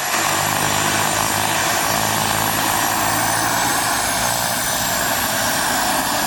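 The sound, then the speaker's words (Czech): A loud, steady aircraft engine roar at an aviation meet in Kunovice fills the whole stretch, with a constant low propeller drone and broad whooshing noise, continuous without any voices. “Milovníci letadel mohli obdivovat nejrůznější typy letounů Avia, Aero nebo Let, včetně 6410.”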